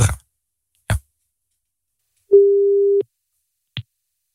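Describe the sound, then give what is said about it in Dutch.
A phone line rings out once: a single steady, mid-pitched ringback tone lasting under a second, framed by a few sharp clicks of the call connecting and being picked up. “Zo, maar dit ging echt maar 1 keer over, lieve vriend.”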